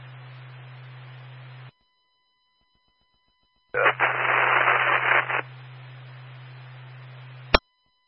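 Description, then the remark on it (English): Radio static hisses with a steady low hum, cuts out to a faint tone, then returns as a louder, harsher burst of noise before ending in a sharp click. “Got your static, sir.”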